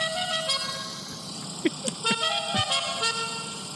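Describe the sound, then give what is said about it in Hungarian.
A musical car horn plays a short melodic tune of bright, stepping tones over steady traffic noise, with a few sharp transient clicks along the way. “Egyébként vannak ilyen dudák, és neked tudod, hogy mi jutott mindjárt eszembe a GTA 5-ot, bármilyen dudát tudsz magadnak választani.”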